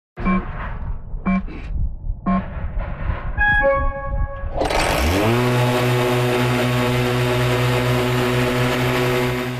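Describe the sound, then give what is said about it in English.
An autonomous electric orchard mower called the Burro Grande, at Laughing Coyote Orchards: a few short mechanical whirs and tones, then its motor ramps up into a loud, steady droning buzz with a strong hum that continues to the end, with no talking. “His new machine is an autonomous electric mower called the Burro Grande.”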